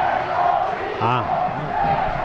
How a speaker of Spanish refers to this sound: Deportivo, grita el Collao.